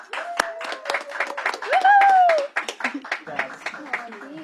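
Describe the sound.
A crowd applauds with dense, steady clapping, while voices cheer and whoop over it. One loud rising-and-falling shout stands out midway before the clapping carries on.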